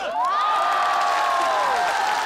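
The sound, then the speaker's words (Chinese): A large live audience at the Liaoning TV Spring Festival Gala stage screams and cheers loudly and continuously, high-pitched shrieks and whoops rising over a dense roar of voices for a couple of seconds. “我下联是过年的鞭春节的炮，现场观众有尖叫。”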